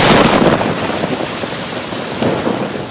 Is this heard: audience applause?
no